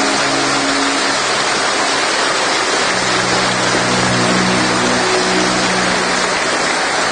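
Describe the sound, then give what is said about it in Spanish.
An audience applauds for God in a dense, steady wash of clapping that holds at an even, loud level for several seconds, with faint low sustained tones beneath and no voices. “Y yo realmente creo que hubiera esperado un aplauso más grande para Dios.”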